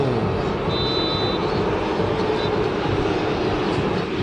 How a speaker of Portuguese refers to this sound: Termina o primeiro tempo no Beira-Rio. Com o estádio inteiro vaiando o time do Inter.